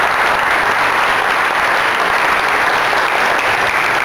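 Sustained audience applause, a dense, steady wash of many hands clapping at full volume throughout, with no voices standing out above it.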